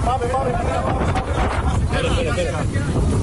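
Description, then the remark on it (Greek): Private boats ferrying residents to fire service vessels during an evacuation by sea, on a sea made rough by stormy winds: loud, steady wind buffets the microphone over churning water and engine rumble, with indistinct voices faintly underneath. “Ιδιωτικά σκάφη μεταφέρουν πολίτες στα πλοία της πυροσβεστικής.”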